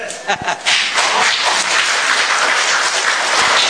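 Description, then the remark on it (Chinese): A burst of audience applause welcoming a performer of solo comic storytelling (dankou xiangsheng), dense and steady, with a few sharp claps at the start before it settles into a loud, continuous wash of clapping. “今天您鼓掌了，不能白欢迎。”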